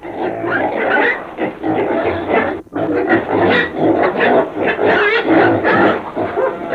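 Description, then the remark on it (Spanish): A pig grunts loudly and almost without pause, a rough, raspy stream of snorting oinks in a dense, uneven rhythm, broken only by one brief gap partway through. No one speaks. “¡Coche! ¡Coche, apártese, mi madre!”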